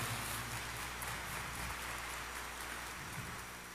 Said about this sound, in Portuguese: Salva de palmas a Nossa Senhora.